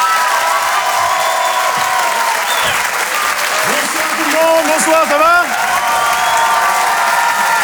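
A crowd claps loudly and steadily for several seconds, with excited cheers and whoops rising over the dense patter of hands.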